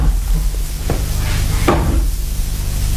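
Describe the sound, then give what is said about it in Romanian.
A chair topples over in the next room, giving a soft knock and then a sharper clatter a moment later, set against a steady background hiss and low hum. “A căzut un scaun în camera de alături.”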